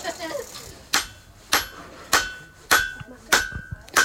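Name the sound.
hammer striking hot metal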